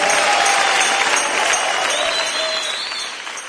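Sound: audience applauding loudly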